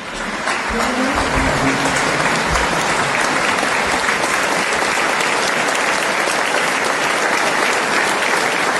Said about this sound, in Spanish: es el aplauso, fíjate, Pablo, con el que el público recibía a la Orquesta Sinfónica de Tenerife